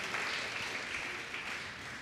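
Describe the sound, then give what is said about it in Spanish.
An audience claps for Christ Jesus in a dense, steady burst of applause that holds at an even level for a couple of seconds, with no voices rising above it. “Dele un fuerte aplauso a Cristo Jesús.”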